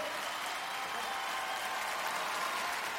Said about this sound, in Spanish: Yo quiero que usted reciba con un fuerte aplauso en esta noche a nuestro primer invitado.